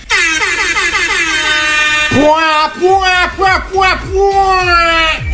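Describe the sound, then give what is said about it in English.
A man, someone's dad, imitates an air horn in a viral TikTok video, blaring one loud, sustained, buzzy blast, then a run of shorter honks that swoop and drop in pitch. “This is somebody's dad impersonating an air horn.”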